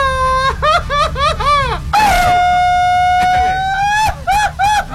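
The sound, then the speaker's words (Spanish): A man lets out a traditional Mexican grito on the radio show Los Hijos de la Remangada on 105.1 FM: a run of quick, high, warbling yelps, then one long sustained wail, ending in another burst of rapid yips. It is loud and strained, with no talking over it. “¡Grito de hombre, comare!”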